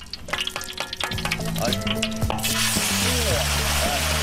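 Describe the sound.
Diced chicken is tipped into a hot wok of local rapeseed oil infused with dried peppercorns and ginger, setting off a loud, dense sizzle that swells and stays steady while it is stir-fried over high heat, with scraping of a spatula and a voice talking over it.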